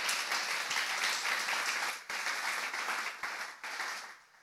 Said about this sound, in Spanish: ¡Aleluya! Yo le hubiera dado un aplauso al Dios Todopoderoso.